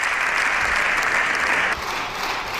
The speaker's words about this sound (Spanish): En estos momentos la bancada popular está en pie aplaudiendo al líder del PP, a Núñez Feijóo, en ese turno de réplica que veremos si también asumen el resto de grupos parlamentarios.